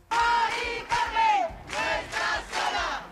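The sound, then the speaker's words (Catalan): A crowd chants in unison, loud rhythmic bursts of many shouting voices rising and falling in a repeated pattern of short phrases, with brief pauses between them. “Això quan ahir 2.500 persones, segons el Sindicat de Llogateres de Mallorca, 550, segons la Policia Nacional, es varen concentrar a Cort.”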